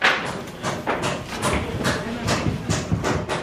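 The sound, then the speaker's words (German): Dozens of civil-protection workers hammer and saw on the roof of the Maria in Schlafskathedrale, building a provisional wooden roof truss to stretch a tarpaulin over: a steady run of sharp, irregular knocks, about two or three per second, over a continuous rough, scraping layer of work noise. “Dutzende Mitarbeiter des Katastrophenschutzes arbeiten auf der Maria in Schlafskathedrale, hämmern und sägen.”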